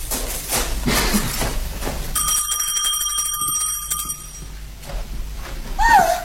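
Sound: small bell being rung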